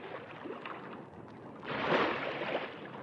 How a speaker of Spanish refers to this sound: El agua empezó a fluir rápidamente por un surtidor. Llenaba el estanque.